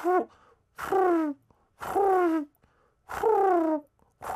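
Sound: voice imitating pigeon cooing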